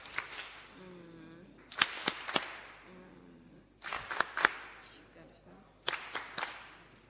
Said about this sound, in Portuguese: Palmas carinhosas.